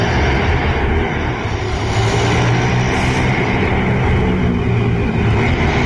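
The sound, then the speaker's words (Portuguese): Loud, continuous roar of motorcycle engines revving and accelerating during an overnight Saturday-to-Sunday street race, recorded from an apartment window, a dense throaty drone with rising and falling pitch that fills the whole stretch, no voices. “E dá para perceber que são motos acelerando, né?”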